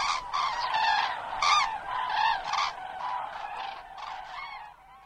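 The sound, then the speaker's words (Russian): Cranes call in a steady chorus of loud, overlapping trumpeting honks, rich and reedy in tone, with no voices. The calling carries on throughout and softens slightly toward the end. “И журавли прокричали три раза не как утром «Победа!», а похоже на «Спите, но помните, мы вас всех скоро разбудим, разбудим, разбудим».”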